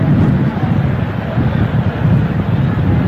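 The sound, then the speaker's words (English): Wind buffets the microphone at a baseball game with a loud, continuous low rumble and rough, fluctuating gusts that never let up, smothering everything else for the full few seconds. “It's windy.”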